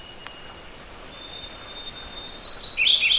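A warbler sings a quick, rich run of high, repeated notes that swells in the second half, heard from a little far away over a quiet background in brushy mixed woods of quaking aspen and spruce, with no talking.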